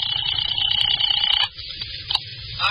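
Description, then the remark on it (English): A telephone rings on the other end of the line of a call made from a phone booth to a doctor's home: one steady, buzzing ring lasting about a second and a half, then it stops, leaving a low rumbling background. “I went back to the phone booth and called Dr. Reichel's home.”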